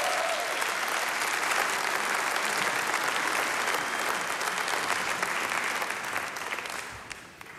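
Sustained applause from a sizable audience for a musical guest on a public radio program, dense and steady clapping that continues for several seconds before beginning to taper off near the end.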